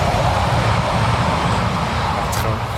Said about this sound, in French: On pourra garder le train parce qu'il faut savoir qu'il y a des trains qui passent très régulièrement juste à côté du camp. Ils sont vraiment juste proches. À côté.